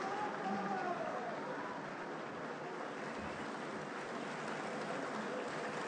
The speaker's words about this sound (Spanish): Siguen los aplausos, los solistas nuevamente con directores incluidos, saludando al público en la boca del escenario. Ha sido un placer compartir con ustedes este espectáculo que abre la temporada lírica del Teatro Solís.